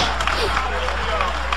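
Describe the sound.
An audience claps together during a sermon, giving praise applause to the Lamb of God: a dense, steady wash of applause, loud and unbroken, with a hum of crowd voices mixed underneath.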